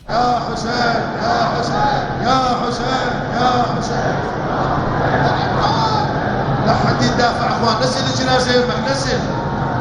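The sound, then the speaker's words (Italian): A large crowd at the funeral of Khamenei in Iran fills the scene with a dense, loud roar of many overlapping voices, steady for the whole stretch with occasional swells rising out of the murmur. “Noi iniziamo il nostro racconto e lo facciamo partendo proprio dalla folla al funerale di Khamenei.”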